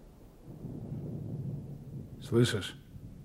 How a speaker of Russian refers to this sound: Слышишь? О, гроза идет. О, как потемнело.